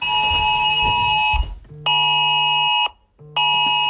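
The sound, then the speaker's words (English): A harsh, buzzing mobile phone emergency alert tone, a national alert sent to all mobile phones warning of the danger of wildfires, blares loudly in sustained bursts separated by brief silences, with no talking over it. “A national alert has been sent to all mobile phones about the danger of wildfires.”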